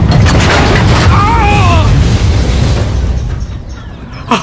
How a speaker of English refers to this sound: Great. Now the stupid elevator's tipping over. What next? Come on. Come on! Straighten up!